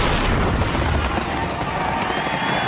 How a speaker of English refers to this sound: Celebrate the 4th of July with a fireworks display from Messes Fireworks.